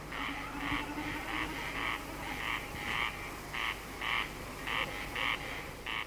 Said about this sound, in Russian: Наперебой кричат коростели, и время от времени, вибрируя перьями хвоста на лету, блеет барашком бекас. Вот слышите? Это он и есть.